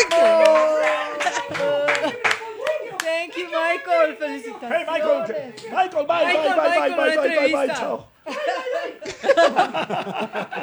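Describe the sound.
Scattered clapping mixed with excited shouting and laughter, several voices whooping over the sharp hand claps, with a brief pause before the cheering picks up again.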